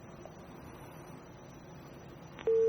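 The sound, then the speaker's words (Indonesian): Faint telephone-line hiss, then a click and a loud, steady busy tone cutting in abruptly at the very end as a caller's live phone-in call is disconnected. “Baik, terputus.”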